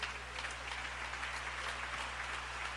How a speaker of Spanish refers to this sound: Si ese aplauso es para Él, de lo más fuerte.